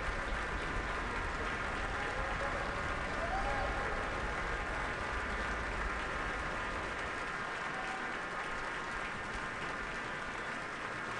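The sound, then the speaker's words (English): Sustained concert audience applause at Powell Hall, St. Louis, directed toward the St. Louis Symphony Orchestra as it rises: a dense, steady wash of clapping hands that holds at an even level throughout with no pauses or individual voices standing out. “She's invited the orchestra to rise and is gesturing towards each section, redirecting the applause toward the orchestra.”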